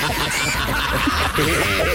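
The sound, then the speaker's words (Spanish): A person imitates a pig, making a loud run of nasal, honking grunts and squeals that rise and fall in pitch for about two seconds. “échame al puerquito, a ver, échame al puerco.”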